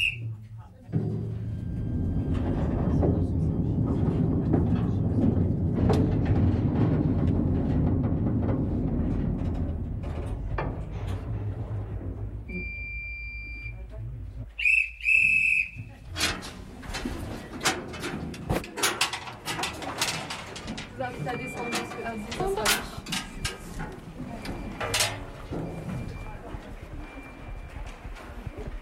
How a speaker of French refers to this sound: Et avec ce magnifique train, nous venons de parcourir 300 mètres de galerie sur les 4 km que comptent les ardoisières